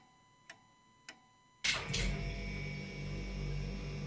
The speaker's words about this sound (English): Oh, there goes the fridge. You hear that sound? It's the fridge sound.